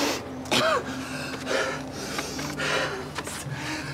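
Harsh, repeated coughing bursts during an asthma attack, with strained, wheezy breaths between them, spread unevenly over a few seconds against a steady low background hum.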